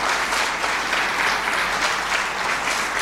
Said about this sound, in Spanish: ¡Otro aplauso!